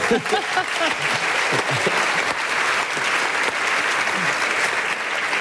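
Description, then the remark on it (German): Sustained applause from a large audience fills the whole stretch, a dense, steady wash of clapping, with faint voices murmuring underneath. “Und mit einem großen Applaus erwarte ich jetzt, dass Sie sagen”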